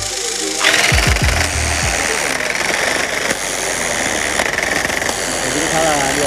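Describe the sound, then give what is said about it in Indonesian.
A tufting gun punching yarn into a patterned canvas for rug looming whirs up and then runs steadily, a loud, dense mechanical buzz of rapid punching that continues without pause for several seconds. “Agar pengerjaannya cepat, proses looming menggunakan alat modern yang biasa disebut tapping gun atau mesin tembak menang.”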